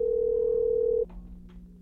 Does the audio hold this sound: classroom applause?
no